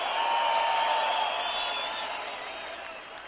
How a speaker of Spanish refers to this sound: ¡Que sigue ese aplauso chido para estas grandes cantantes rock and rolleras!